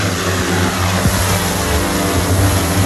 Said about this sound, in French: Le drone, lui, pèse 5 kg pour 1,20 m d'envergure. C'est un drone qui peut monter jusqu'à 40 mètres de hauteur. Là, on peut le mettre en route ? On peut le mettre en route.